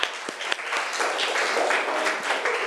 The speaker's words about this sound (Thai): โอเคค่ะปรบมือให้ตัวแทนจากกลุ่มที่5ด้วยค่ะ